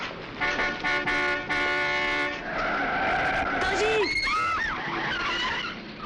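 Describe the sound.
A car horn blares in sustained honks, then tires squeal loudly as a vehicle skids to a stop nearby, while a person shouts a brief warning.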